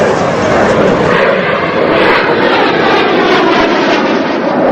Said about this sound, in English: On the beach, the pair pause to stare up at two jet planes streaking low across the sky. One flies over a distant mountain. Then there's a flash of light and smoke as the plane flies off.